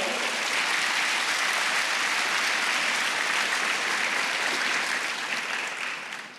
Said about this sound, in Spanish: Y este es el año del deleite. Dale un aplauso a Dios fuerte.